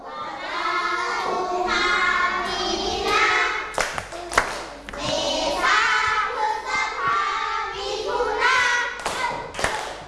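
A group of children in a class clap their hands in short, uneven bursts of applause for a classmate who answered correctly in a lesson on ordering the months, with children's voices and chatter running underneath and between the claps.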